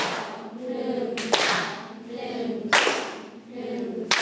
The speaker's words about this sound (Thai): ให้ทุกคนปรบมือปรบมือแบบไหนปรบมือเป็นจังหวะเอปรบอย่างไรให้เด็กๆนับ1 2 1 2แล้วปรบมือ